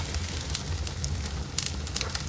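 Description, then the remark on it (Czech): A campfire crackles steadily as sausages are roasted over it, with scattered sharp pops and snaps over a low, continuous rumble of burning wood. “Jsme u ohně a opékáme si špekáček.”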